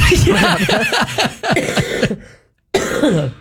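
A loud burst of repeated coughing, several harsh hacks in quick succession, with a brief silent gap before one more cough near the end.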